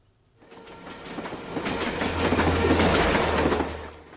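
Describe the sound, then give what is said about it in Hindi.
A Jaipur metro train rolls along the rails, its rumble swelling after a quiet start, with repeated rhythmic wheel clacks over a steady low hum, then easing slightly at the end. No voices. “अगला स्टेशन तरक्की, दरवाजे दाईं ओर खुलेंगे।”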